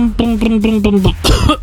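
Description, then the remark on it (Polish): A voice mimics the engine of a small old Fiat 126p car, loud: a buzzing, pulsing hum that breaks into rough, cough-like sputtering bursts, as if the motor is struggling and stalling. “Tak robi mój maluch.”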